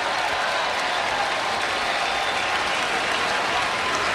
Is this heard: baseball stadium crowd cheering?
yes